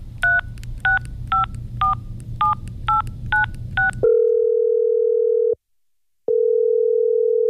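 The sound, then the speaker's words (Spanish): A phone number that does not exist is dialed with seven quick, evenly spaced touch-tone beeps over a low background hum, followed by a loud, steady line tone that briefly cuts out and resumes. “Lo sentimos. El número que usted marcó no existe.”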